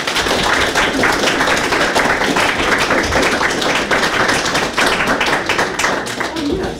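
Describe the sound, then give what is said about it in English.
An audience claps loudly and steadily for a first-time reader at a reading, a dense wash of many hands that holds for about seven seconds with no break before fading slightly at the end. “Everyone, please clap for first-time reader Belle Clark.”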